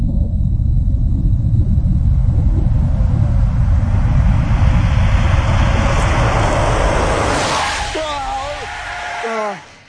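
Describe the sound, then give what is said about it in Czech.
A car engine rumbles steadily and swells into a loud rushing roar, joined by wavering high squeals near the end, before cutting off abruptly as the car runs over a man standing in a dark street. “I kada je padao pod kotače, učini mu se da za upravljačem sjedi djevojka u bijelom i poznatih mu crta lica.”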